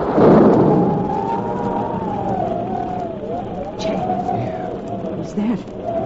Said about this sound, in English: Would that possibly be thunder? It sure sounds like a storm coming up